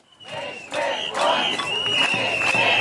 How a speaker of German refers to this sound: Nicht mit uns, rufen einige hundert Kita-Erzieherinnen und Eltern auf dem Alten Markt in Potsdam, als CDU-Bildungsminister Hoffmann den Kern des Gesetzes zu erklären versucht.